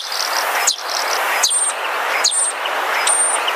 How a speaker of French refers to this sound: Voici un oiseau très commun qui s'appelle l'étourneau. Il imite les autres oiseaux.